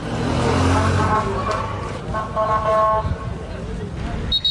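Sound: street scene with sirens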